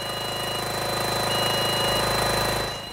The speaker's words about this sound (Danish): Det er korrekt, og den lyd, vi kan høre i baggrunden, det er altså den støvsuger, der skal være med til at bekæmpe de larver, der er fundet her på Amagerfællet.